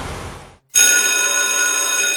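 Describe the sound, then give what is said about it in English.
A school bell at a college rings loudly and continuously, kicking in abruptly after a brief moment of silence and holding a steady, bright metallic clang with no voices. “Anderson College's school bell is ringing just for you.”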